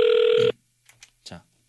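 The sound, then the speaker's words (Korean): A loud, steady electronic ringback tone as Far East Broadcasting (극동방송) calls listener number 092 sounds for about half a second, then cuts off, followed by faint, brief speech fragments. “092번님, 극동방송에서 지금 전화 걸고 있어요.”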